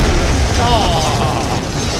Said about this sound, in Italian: Hai portato un petardo in teatro? Sì, è acceso, esplode, esplode!